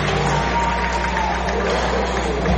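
A baseball stadium crowd at Estadio Héctor Espino applauds the catchers in a steady, dense wash of clapping and murmur that holds at an even, fairly loud level throughout, with no clear individual voices standing out.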